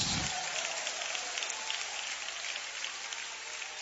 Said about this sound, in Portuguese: Quem aplaude ao Senhor e dá glória a Deus.